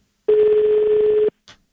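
A steady electronic telephone tone sounds for about a second as a number is dialed, then stops, followed by a short faint click. The tone is loud, with no voices.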